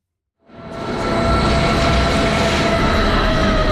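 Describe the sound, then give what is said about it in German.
A cog railway train from Wengen rumbles into Eigergletscher station, 2300 metres above sea level, after a moment of silence, its steady mechanical roar swelling to a loud, continuous drone with a faint whine running through it. “Die Zahnradbahn von Wengen her kommt an.”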